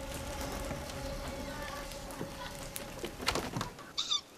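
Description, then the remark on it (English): A young owl, too young to fly, gives two short, raspy squawks near the end, hoarse and hissing, heard over a low steady hum and faint rustling background. “The owlet squawks.”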